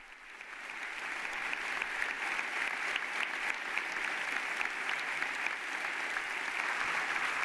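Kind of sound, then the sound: crowd, standing ovation applause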